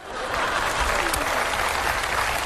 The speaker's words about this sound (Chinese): 你不觉得这个掌声很勉强吗？嗯， 没有啊，人挺认真鼓掌。